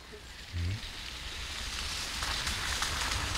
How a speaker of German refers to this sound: Es regnet, wie schon an den vergangenen Tagen.